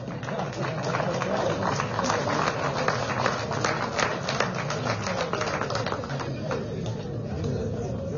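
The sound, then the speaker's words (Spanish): An audience applauds steadily for about eight seconds at a recognition ceremony in the municipality of Villa Tunari, a dense crackle of many hands clapping at an even, sustained loudness with no voices standing out. “Aplaudimos, por favor.”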